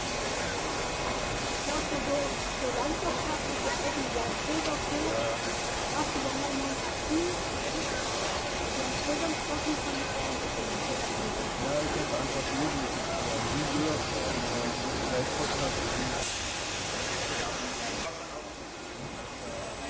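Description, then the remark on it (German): Steam locomotive 35 1097 hisses steadily and loudly, a continuous broad rush that eases slightly near the end, with indistinct voices murmuring underneath, before it leaves toward the main station to haul a special train toward Riesa. “Die 35/10/97 wird uns jetzt in Richtung Hauptbahnhof verlassen und bespannt dann dort den Sonderzug in Richtung Riesa.”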